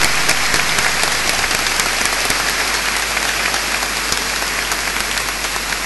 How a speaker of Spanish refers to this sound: Muy feliz día de la Virgen del Carmen para todos. Un aplauso a la Virgen, nuestra Madre.